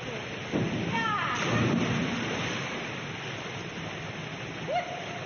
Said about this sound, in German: Sie steht an der Spitze des Dreierbretts, springt mit Schwung hoch. Ihre Arme sind an ihrem Körper gestreckt und mit beiden Füßen voran taucht sie ins Wasser.